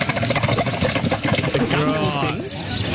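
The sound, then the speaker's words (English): A camel's guttural, gurgling call: a rough, throaty rumble of rapid pulses, rising into warbling, wavering moans midway through, loud and continuous for about three seconds. “Once you know it's a camel, if you've heard them be quite guttural, then you'd be like, oh, yeah, sort of.”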